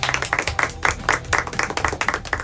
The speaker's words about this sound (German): Kennen Sie doch auch, nach der Landung wird im Flieger erstmal geklatscht und alle freuen sich auf den Urlaub.